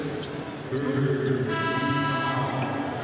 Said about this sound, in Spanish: Suena la chicharra, se detiene por un momento el partido que lo gana el equipo de los Nuggets aquí en el Delta Center.